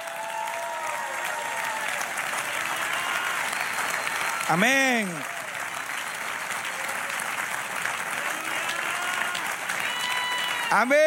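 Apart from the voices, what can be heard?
audience applause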